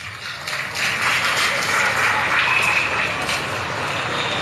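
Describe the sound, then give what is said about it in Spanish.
A crowd of students in Bolivia applauds for President Evo Morales, a steady, dense wash of clapping that swells after the first second and holds at an even, fairly loud level to the end, with no speech over it. “Un aplauso, estudiantes, a nuestro hermano Evo Morales.”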